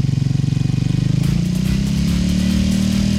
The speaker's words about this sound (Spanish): ¿Cómo suena la moto? Pero dele más duro, mano.